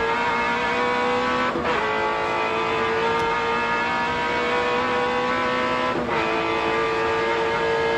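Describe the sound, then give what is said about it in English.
A loud V8 race car engine roars continuously in 1991 race footage at Bathurst as the car exits a corner, its dense harmonic drone holding steady with two brief dips in pitch as it shifts gears, no voices present. “Just listen to that awesome V8.”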